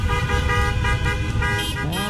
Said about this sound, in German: So hörte es sich gestern am späten Abend an in der Hammer-Innenstadt. Die hier lebenden Bosnier feierten mit einem Autokorso das 3:1 von Bosnien-Herzegowina gegen Katar bei der Fußball-WM.